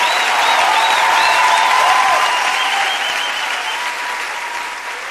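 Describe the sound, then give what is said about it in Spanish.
Steady audience applause fills the whole stretch, a dense wash of clapping from a large crowd with faint cheers and whistles riding on top, easing slightly toward the end. “ese aplauso para”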